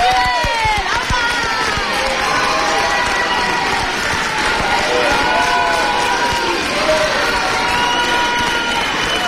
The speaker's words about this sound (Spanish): Escuchamos los aplausos.